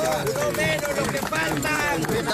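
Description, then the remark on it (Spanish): A son shouts loudly and repeatedly, his raised voice straining, while neighbours clap and cheer steadily underneath for the whole stretch, as a man is pulled from the rubble of collapsed buildings in Venezuela. “Así, entre los gritos de su hijo y aplausos del vecindario,”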